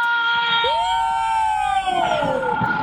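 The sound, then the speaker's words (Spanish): A loud crowd roars in celebration of a football goal, with drawn-out shouts rising and falling in pitch over a dense, continuous wall of cheering for the whole few seconds. “Sí, la hora de meter ¿qué? Gol. ¡Así podemos gritarlo!”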